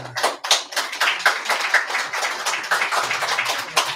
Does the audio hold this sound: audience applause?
yes